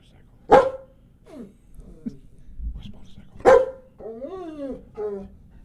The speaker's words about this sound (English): Are you barking, Tundra? Was that you?